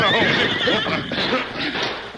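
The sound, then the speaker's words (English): A powerful stallion, Silver, whinnies loudly, a long wavering neigh filling the moment, with the clatter of hooves coming to a halt beneath it as the horse is reined in, a wiry paint horse approaching alongside. “Then as he heard the thundering hoofs of the powerful stallion and the wiry paint approaching, he quickly mounted his horse and whipped him away.”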